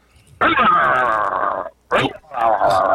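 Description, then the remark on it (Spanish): A dog being urged to attack lets out a long, loud, strained whimpering cry, then two shorter yelping barks after a brief pause. “¡Ataca, perro! ¡Ataca!”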